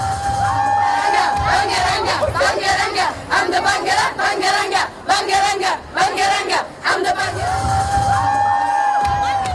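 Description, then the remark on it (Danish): A large, loud crowd at Sofia Airport in Bulgaria cheers and chants in rhythmic bursts, welcoming home a 27-year-old who won with their song, with whoops and shouts rising over a dense roar of many voices, including children's. “vendte hjem til lufthavnen i Sofia i går aftes”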